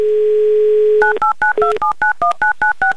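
A phone's steady dial tone hums for a second, then about eleven quick, evenly spaced touch-tone beeps follow as a number is dialed, loud and clear with no voices.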